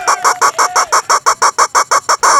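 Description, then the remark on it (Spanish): A rooster sound effect, played on La Nueva Radio Latina as a shout-out to Lobo Solitario, made of a fast, steady series of about a dozen loud, bright clucks, repeating evenly over a couple of seconds with no talking. “Va su pollazo para el Lobo Solitario.”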